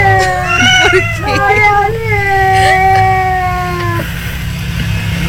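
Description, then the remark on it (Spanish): A person mimics a threatening cat fight, drawing out long wavering yowls and caterwauls for about four seconds over a steady low hum, loud. “La pelea de gatos, ¿eh? La amenaza.”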